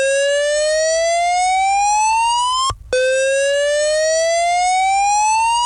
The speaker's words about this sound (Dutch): We kregen die rookmelder ook niet uit, want die zat op een plek en dan moest je op een stoel gaan staan om vervolgens dat ding uit te drukken.